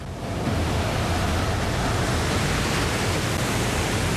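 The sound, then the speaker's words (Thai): A continuous, loud roar of huge tsunami waves in Japan, about 15 metres high, breaking as a dense rushing wash of surf that holds steady throughout with no individual crashes standing out and no voices. “หวังว่าจะถึงสันคลื่นก่อนที่มันจะปะทุ มันเหมือนกับภูเขาเลยเราผ่านคลื่น3ลูกที่มาจากทางตะวันออก”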